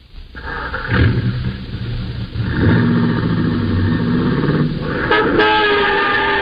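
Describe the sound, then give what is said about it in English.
A car horn blares in long, loud blasts over a roaring engine as a car nearly hits another car's fender, with sustained tonal honks layered across the whole stretch and a brief sharp burst near the end. “Hey, you! Hey! You almost cooked my fender there.”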